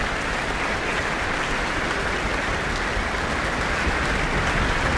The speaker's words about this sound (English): A big applause for the trombones from the audience.